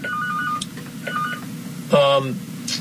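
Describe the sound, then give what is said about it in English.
An electronic phone rings with two short, steady tonal bursts, then a louder, buzzier warbling ring near the end, all over a constant low background hum. “There was a phone ringing here, but I don't know what phone it was.”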